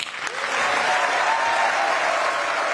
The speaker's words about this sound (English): That was the strongest part of her speech and the most moving. I think it got the greatest applause.